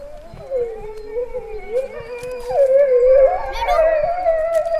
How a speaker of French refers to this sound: Le loup. Ah, ça fait ça le loup. Ça fait ça le loup.